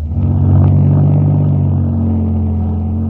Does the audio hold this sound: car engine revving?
yes